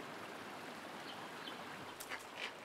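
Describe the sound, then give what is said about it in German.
A small stream flowing year-round from steep cliff walls in the east burbles and trickles steadily, a continuous watery wash with a few brief bird chirps breaking through near the end. “Aus den Steilwänden im Osten fließen das ganze Jahr über kleine Bäche.”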